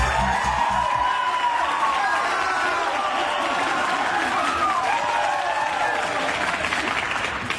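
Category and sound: crowd, applause and cheering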